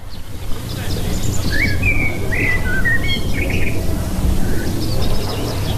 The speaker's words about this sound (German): Vogelgesang ist ein kleines Wundermittel gegen Alltagsstress. Wer nur schon eine halbe Stunde den Vögel zulässt, fühlt sich nachher glücklicher und entspannter.